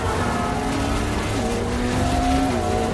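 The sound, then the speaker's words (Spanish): Loud, steady roar of vehicle engines revving and accelerating, pitch rising as they speed up: a getaway car speeding along a street while a motorcycle leaps down stone stairs chasing it, racing along a busy avenue. “Natasha y Yelena aceleran a lo largo de la calle mientras que la moto salta por las escaleras de piedra persiguiéndolas.”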